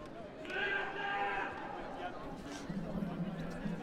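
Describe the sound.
A person imitates a sheep's bleat with one drawn-out, wavering vocal cry lasting about a second. It is fairly loud, over a background of murmuring voices and noise.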